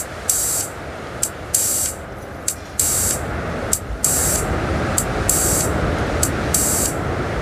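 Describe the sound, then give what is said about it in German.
A synthesizer's filtered noise from small sound devices being warmed up hisses steadily and fairly loudly on its own, with bright, airy bursts pulsing on and off about once a second over a constant low rushing bed. “Da hören wir den Filter rauschen.”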